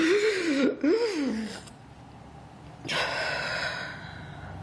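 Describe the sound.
A voice acts out Loon surfacing near a log after a long, deep dive, desperately gasping for air: a strained, wavering voiced gulp, then a pause and a loud, breathy rush of air, alone without speech.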